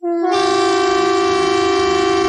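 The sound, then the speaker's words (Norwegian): A Norwegian civil defence typhoon warning siren, sounded as a test of the emergency alert by police and civil defence, blares in one loud, steady, unwavering tone, sustained from its start through the end, with no voices over it. “Og tyfonene.”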